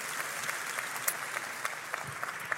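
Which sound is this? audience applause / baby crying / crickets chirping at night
audience applause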